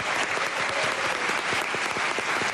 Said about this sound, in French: Et je vous demande d'applaudir bien fort